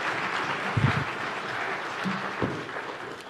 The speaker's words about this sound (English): Give him a hand clap, would you please?